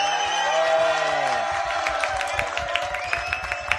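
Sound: audience applause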